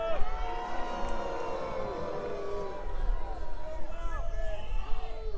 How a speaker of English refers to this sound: Take your booing to the voting booth, where it really matters.